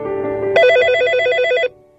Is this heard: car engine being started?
no